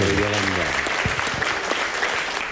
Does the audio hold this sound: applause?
yes